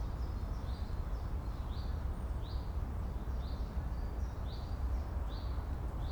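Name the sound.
birds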